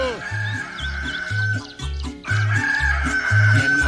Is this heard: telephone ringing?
no